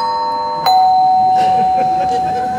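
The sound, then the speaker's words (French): An electronic doorbell chimes in two sustained tones: a higher note, a sharp click, then a lower note that holds steadily to the end, with faint murmuring underneath. “Bon, attends, je vais ouvrir, je vais m'éclairer, elle doit être sous la douche, elle doit pas entendre, je pense.”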